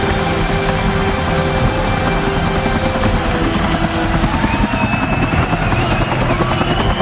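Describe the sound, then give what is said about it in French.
A helicopter roars overhead as it arrives at a stadium, its rotor chopping in a steady, dense rhythm that fills the whole clip, loud and continuous with a broad engine rumble underneath. “en arrivant sur le stade en hélicoptère.”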